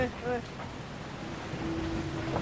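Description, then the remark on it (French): A foiling sailboat gradually gains speed on the water, preparing to lift off, with steady wind and spray noise, and a thin humming whine rises out of the wash as it speeds up; a brief voice sounds near the start. “Le bateau qui peu à peu prend de la vitesse, on le sent, et qui se prépare à décoller.”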